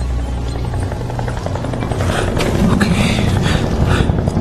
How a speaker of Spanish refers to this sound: Okay. Es el helicóptero.